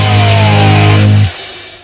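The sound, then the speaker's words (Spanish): A loud car engine roars with a steady, throaty hum for about a second, then cuts off abruptly, leaving only faint background noise. “Fui a Mar del Plata, viajé en primera, hice pelota al motor del auto.”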